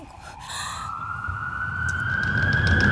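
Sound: ambulance siren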